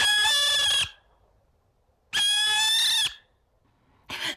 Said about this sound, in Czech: Kamarádi, dovolte, abych vám představil sovu pálenou, která se jmenuje Alice.